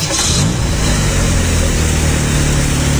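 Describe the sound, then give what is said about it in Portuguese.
A car engine catches with a brief burst of cranking noise, then settles into a loud, steady rumbling idle, with no voices. “Ligou o carro.”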